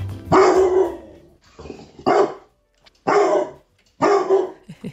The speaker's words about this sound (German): So, und jetzt kommt Crisus ganz großer Moment. Vorhang auf. Criso tritt auf die Bühne und bellt einen ganz bekannten HR4-Hit für uns. Achtung, welchen Song suchen wir hier?